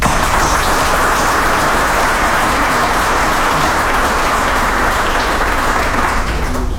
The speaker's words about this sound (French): Et donc je veux vous remercier pour ça et je me permets de vous applaudir, tout simplement.